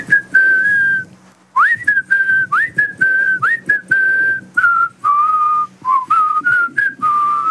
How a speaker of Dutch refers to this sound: Wij proberen jou fluitend aan jouw heel extreem warme dag te laten beginnen. We zullen het goede voorbeeld geven. Ja, hier komt mijn fluit.